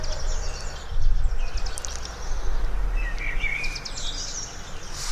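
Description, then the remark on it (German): A common blackbird sings, giving a few short fluting phrases and chirps over a steady outdoor background hum, with no voices. “Was sagt dir die Amsel, wenn die so singt?”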